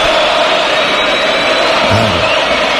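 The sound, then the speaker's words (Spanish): A huge stadium crowd at the Sánchez Pizjuán in Seville, led by Croatian fans, chants Luka Modric's name loudly and steadily, thousands of voices merging into a dense, continuous roar that holds at a constant level for the whole stretch, with no single voice standing out. “Están coreando evidentemente los croatas, pero hay mucha gente con la camiseta de España.”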